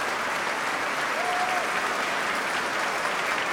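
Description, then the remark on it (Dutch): A standing ovation fills a concert hall: dense, steady applause from a large audience, loud and continuous throughout, with a brief faint whistle rising above the clapping. “Want ja, het is een staande ovatie hier inmiddels.”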